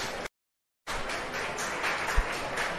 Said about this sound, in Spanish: Bueno, estamos siendo testigos de un aplauso. Estamos siendo testigos de la llegada de alguna de las abuelas, ¿no? Están llegando las abuelas.